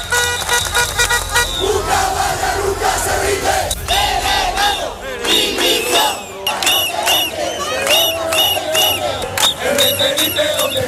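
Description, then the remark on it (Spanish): A large crowd of Ceuta residents protesting in the streets on a Wednesday against the central government's handling of a migrant crisis shouts and chants loudly in unison, rhythmic yelling rising and falling, with car horns tooting now and then amid the continuous roar of voices. “un clima de máxima tensión, los ceutíes han vuelto a salir este miércoles a las calles para protestar por la gestión de la crisis por parte del gobierno central cuando se cumplen cuatro semanas de la entrada masiva de migrantes a la ciudad autónoma.”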